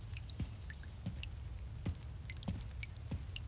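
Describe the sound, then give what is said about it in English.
Water from a leaking roof drips steadily while rain comes down, five or six distinct plops landing roughly every half second to second, fairly quiet over a low background rumble, with faint higher ticks scattered between. “A sort of dripping noise? I don't think it's the rain.”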